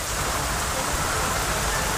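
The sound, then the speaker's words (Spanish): Heavy rain from a strong rain and wind storm pours down steadily in Barcelona, Catalonia, Spain, a dense, continuous hiss, drops pattering on hard urban surfaces with no pauses or other sounds standing out. “El sonido de la intensa lluvia caída en Barcelona”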